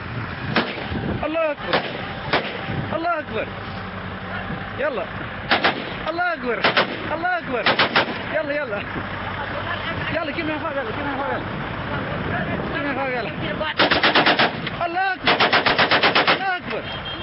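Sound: gunfire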